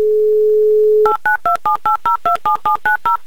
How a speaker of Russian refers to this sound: Набрали номер Юрия, звоним в Димитровград, ждем гудки и засекаем 30 секунд.